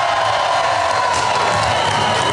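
A large crowd applauds and cheers loudly and steadily as performers walk off the stage at the opening of the kermis (fair) in Tilburg, a dense wash of clapping with shouts and whoops rising through it for the whole stretch.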